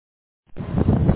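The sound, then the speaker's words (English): After a short silence, wind buffets the microphone with a loud, rumbling roar heavy in the low end, fluctuating unevenly and continuing to the end with no one talking, on a windy day on a bike path alongside a highway in Minnesota. “Yeah, the wind is breaking you up a little bit.”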